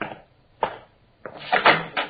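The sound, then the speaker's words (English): A door to the backyard being opened: a couple of sharp latch clicks, then a longer rattling clatter of handle and frame. No one speaks. “This door go out the backyard?”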